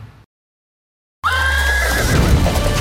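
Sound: horse neighing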